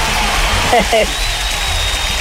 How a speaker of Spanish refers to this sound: Ay, ay, ay, ay, ay, un aplauso.